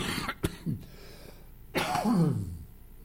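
A person coughs: a short, sharp cough first, then after a pause a heavier, throaty cough that trails off in a rough, voiced rasp.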